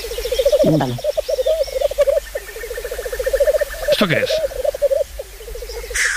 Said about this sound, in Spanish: Un gallo lira. ¿Un qué? Un gallo lira. Gallo lira. Un gallo lira, madre mía. Sí.